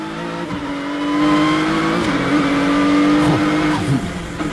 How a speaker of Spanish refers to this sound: Pero si podemos poner un poco de sonido de esta vuelta del GT Mark IV, porque tenemos un motor naftero puro, sin asistencia eléctrica.